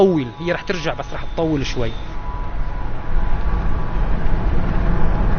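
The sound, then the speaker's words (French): A car drives along a road in far western Syria, about forty kilometres from the Mediterranean coast, with a steady, low rumbling hum that grows slightly louder, after a man briefly speaks at the start. “On roule maintenant tout à l'ouest de la Syrie, à une quarantaine de kilomètres de la côte méditerranéenne.”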